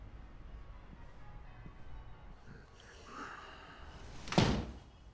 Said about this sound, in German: Aber unser Koch hier, der muss auf den Balkon gehen und die Tür richtig zumachen. Ja. Raus. Mach die Tür gut zu.